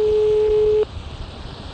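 A steady electronic ringback tone plays over a phone line during a call to a landline for under a second, then cuts off abruptly, leaving only faint background hiss. No one speaks.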